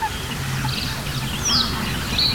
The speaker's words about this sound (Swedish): Vi har en sävsparv också, ja. Det här enstaka plockandet med små toner.